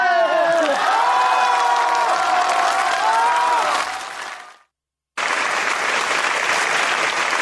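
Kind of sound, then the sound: crowd, audience applause and cheering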